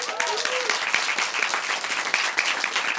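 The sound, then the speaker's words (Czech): A crowd applauds a performer steadily and fairly loudly throughout, a dense wash of many hands clapping, with a brief faint whoop or voice near the start. “obrovský potlesk ještě jednou.”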